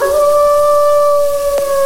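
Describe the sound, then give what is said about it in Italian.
A person imitates a wolf's hunting howl, a sustained, steady howl held on one clear pitch with bright overtones, loud, with a brief click near the end. “Fra l'altro il nostro lupo ci dà anche un bel ululato da cacciatore.”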